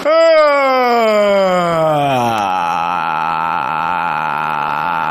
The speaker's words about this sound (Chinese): 不是打哈欠会不会、啊？ 打哈欠会啊！ 打哈欠。 打哈欠是吧？ 啊， 找那音是吧？ 你尾音长一点。